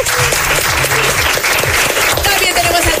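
A crowd applauds loudly and steadily, a dense wash of many hands clapping close by, with some faint voices and cheers mixed into the noise throughout.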